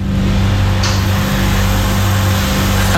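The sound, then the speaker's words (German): An ice cream shop refrigerator hums steadily in the morning, heard outside the shop on Spitaler Straße: a loud, unbroken low-pitched drone with a buzzy tonal core under a wash of even hiss, with no voices. “Der Kühlschrank, der bei dem Wetter heute wieder Gold wert ist.”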